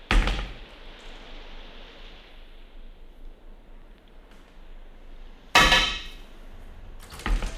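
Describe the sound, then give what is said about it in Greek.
A door opens and shuts, marked by three sharp clunks: one at the start, then two more near the end, separated by a long stretch of quiet room hiss. No one speaks. “Ανοίγω την πόρτα.”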